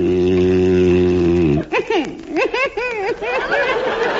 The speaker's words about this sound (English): You're whistling. I know I'm whistling. It's the only way I can stop you from snoring. No, it's just your imagination. I never snore.